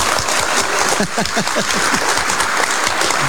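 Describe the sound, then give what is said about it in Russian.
A crowd applauds steadily, with dense, overlapping hand claps forming a loud, continuous wash of sound that stays even throughout. “Я вспоминаю концерты джазовых музыкантов, когда выходит солист, начинает солировать, публика уже аплодирует.”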